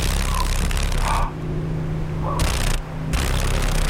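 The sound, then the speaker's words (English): A female paddle-tailed darner dragonfly in Alaska vibrates its wings rapidly, making a steady low-pitched buzz that stays loud throughout, broken by rough, crackling bursts that cut in and out. Nobody speaks. “This is a female paddle-tailed darner, and it's one of seven mosaic darners that are found in Alaska. Oh, can you hear the vibration?”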